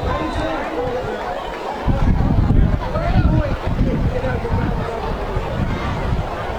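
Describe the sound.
Heavy rain from a sudden rainstorm pours down over a football field during a game between Apopka and Lake Brantley in September 1974, a dense, steady hiss with gusts of wind buffeting the microphone and a faint murmur of voices underneath.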